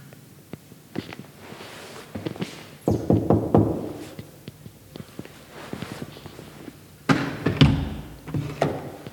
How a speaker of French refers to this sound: Je suis arrivé dans une église, dans un temple antoniste, voir une dame que j'ai connue il y a quelques années. C'est une guérisseuse, quoi, si on peut dire. Je vais essayer d'aller toquer à la porte.